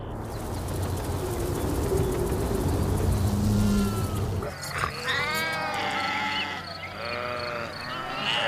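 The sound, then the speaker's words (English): Grazing sheep bleat repeatedly in wavering, overlapping calls, fairly loud, after a stretch of rustling, crunching grazing noise with a low background hum. No one speaks. “The grazing sheep pose little danger to the sweat bees.”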